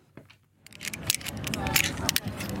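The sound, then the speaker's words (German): Sharp metallic clicks and clinks of carabiners come in quick, irregular bursts at an outdoor climbing wall of a sports complex in Holon, south of Tel Aviv, Israel, as men and women tie figure-eight knots, over a low murmur of voices and outdoor background noise. “Eine Kletterwand außen an einem Sportkomplex in Holon, südlich von Tel Aviv. Karabiner klicken, Männer und Frauen knüpfen Achterknoten.”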